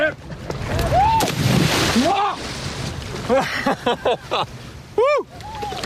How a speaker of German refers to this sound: Also ich nehme jetzt das Board mal. Und ich jetzt mit ein bisschen Schmackes, ein bisschen mit Schwung jetzt gleich rein ins Wasser. Ja, und das Board gerade halten.